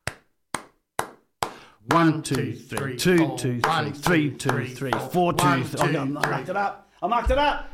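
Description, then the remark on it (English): Four sharp, evenly spaced hand claps tap out a steady one-bar beat, then a person begins talking right after the last clap. “I'll clap one bar and that'll be our beat.”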